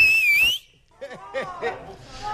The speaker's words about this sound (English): Okay. Okay, I need your loudest whistle.